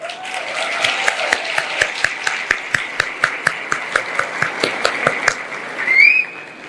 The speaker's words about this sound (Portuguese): Ela é procuradora. Podem aplaudi-la.